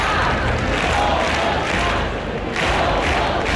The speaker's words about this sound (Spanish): El grito de Somos Más, unas 2.500 personas, según la policía, han abarrotado la plaza del Ayuntamiento obetense para exigir la dimisión del alcalde